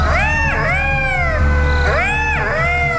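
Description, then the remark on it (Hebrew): Jackals that live in Park HaYarkon howling in a neighbourhood of Ramat Gan: two bursts of wavering, overlapping high-pitched wails that rise and fall, with several voices crying at once over a steady low rumble. “יש פה חיים משותפים עם תנים שחיים בפארק הירקון, באים לבקר אצלנו בשכונה, אנחנו רואים אותם, אנחנו מכבדים אותם, ואני חושב שזה חיים משותפים בסדר, הם לא עושים שום נזק, הכלבים לא כל כך אוהבים אותם.”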